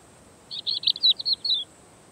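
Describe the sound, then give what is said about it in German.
A bird chirps a quick burst of about eight high, bright notes lasting just over a second in Mediterranean mixed scrub vegetation, standing out clearly against a faint, steady background hiss. “Aufgrund der Insektenvielfalt dieser mediterranen Mischvegetation können hier besonders viele Vögel überleben.”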